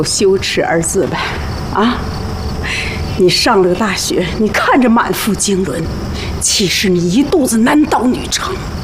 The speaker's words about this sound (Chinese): 到底谁在外面？没谁，是条狗。